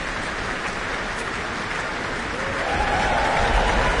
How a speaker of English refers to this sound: Hugh Dan, principal trumpeter, receives his applause with the rest of the trumpet section.